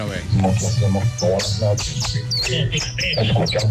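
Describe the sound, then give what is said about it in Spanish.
A caller on the Tropicana radio show imitates a bird with their lips as a hidden talent, making a rapid string of loud, high chirps and tweets, with a steady low hum running underneath. “Buenos días, Tropicana, mi talento oculto es hacer como un pajarito.”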